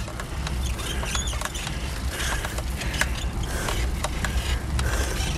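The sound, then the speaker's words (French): A bicycle squeaks and creaks in short, irregular chirps as it's ridden, over a steady low rumble of rolling and wind noise. No one speaks. “Ouais, ça grince un peu, ça commence à mal.”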